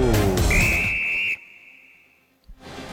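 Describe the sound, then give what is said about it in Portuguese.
A single long, steady whistle blast from referee Michael Oliver rings out over loud crowd noise at a football stadium in Boston; the crowd cuts away and the whistle tone trails on more faintly for about two seconds. “Para tomar conta do espetáculo no estádio em Boston, fique de olho no apito.”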